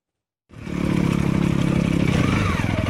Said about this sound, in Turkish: Osmaniye'de motosiklet tutkunları arazi motosikletleriyle Amanos Dağları'ndaki Keldaz zirvesine tırmandı efendim.